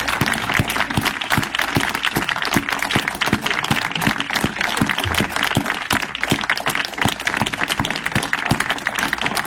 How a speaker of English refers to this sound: Oh, sorry, I need to rewind it. They clap for a little while.